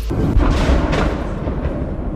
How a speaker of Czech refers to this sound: Potom přišla zpráva, že letí přímo na Oděsu. No a ozval se první výbuch.